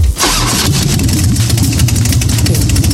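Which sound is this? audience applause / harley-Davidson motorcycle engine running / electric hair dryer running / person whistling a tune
harley-Davidson motorcycle engine running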